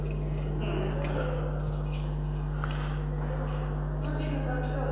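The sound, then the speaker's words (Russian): Broken glass pieces put into oil for a demonstration clink lightly a few times at irregular moments, over a steady low electrical hum with faint muffled voices in the background. “Битое стекло, смотрите.”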